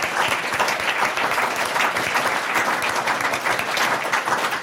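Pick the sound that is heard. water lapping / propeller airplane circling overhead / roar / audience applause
audience applause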